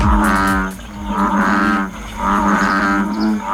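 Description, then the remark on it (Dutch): Deep, droning bellows of an American bullfrog, spotted near Valkenswaard in the south of the Netherlands, repeat in a steady series of long, low, resonant calls, each swelling and fading, with no voices over them. “Nou, als je deze kikker hoort, dan weet je dat je in het zuiden van Nederland zit.”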